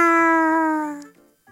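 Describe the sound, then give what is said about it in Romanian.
A person imitates a cat that is happy its owner has come home to bring it food, with one long, drawn-out meow, loud, its pitch sliding gently down before it fades, followed by a brief vocal sound. “Te rog să faci ca o pisică care este fericită că a venit stăpânul ei acasă ca să-i aducă mâncare. Miau!”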